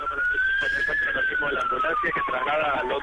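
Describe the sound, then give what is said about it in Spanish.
An ambulance siren wails loudly, its pitch slowly rising then gliding down, over a dense bed of noisy background bustle with voices mixed in. “ambulancia.”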